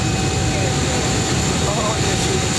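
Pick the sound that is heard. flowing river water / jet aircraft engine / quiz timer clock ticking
jet aircraft engine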